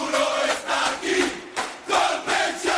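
A group of voices shouts together with gusto in loud, pulsing bursts, roughly five surges rising and falling in a steady, chant-like rhythm with no clear words standing out.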